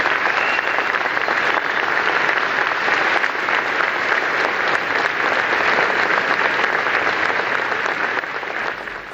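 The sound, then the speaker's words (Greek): Sustained applause from a large audience after a prime minister's speech, a dense steady roar of clapping that holds at full strength for several seconds before starting to taper slightly at the end. “Ακούσαμε τα χειροκροτήματα, συνεχίζονται.”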